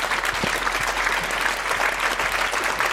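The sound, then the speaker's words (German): Sustained applause from an audience, a dense, steady patter of many hands clapping at a fairly even level throughout, with no voices standing out. “Und Sie merken am Applaus, dass es hier viele so sehen.”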